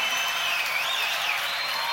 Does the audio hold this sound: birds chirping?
no